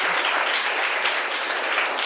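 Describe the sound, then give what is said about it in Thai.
A class claps steadily together for the student representatives who gave a presentation, a dense, even patter of many hands that stays fairly loud throughout with no voices on top. “ขอเสียงปรบมือให้นักเรียนที่เป็นตัวแทนในการนำเสนอเลยค่ะ”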